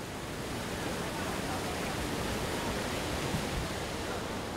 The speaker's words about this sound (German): Verrücktes Gefühl, wenn das Wasser im Auto auf einmal steigt und man nicht rauskommt. Schon beängstigend.